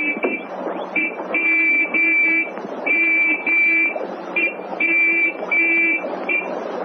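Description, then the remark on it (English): A sergeant's gold whistle blown in a series of short and long blasts, a shrill, high-pitched coded Morse-style signal spelling out an answer to a sentry's challenge, sounding steadily loud over a faint background hum. “The sergeant took his gold whistle from his pocket and spelled out an answer.”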